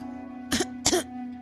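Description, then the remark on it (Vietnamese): A man coughs twice in quick succession, two short, harsh bursts separated by a brief pause, over a faint steady background hum. “Độc Thần hốt nhiên ho lên hai tiếng.”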